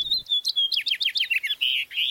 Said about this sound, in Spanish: El canto de esta ave tan común en nuestra región es muy bello.